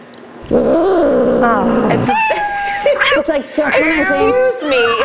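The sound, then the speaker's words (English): A cat yowls loudly and dramatically in a long, drawn-out wail, then breaks into a series of rising and falling meows and cries. “The sound was a little dramatic. It's Happy Feline Friday.”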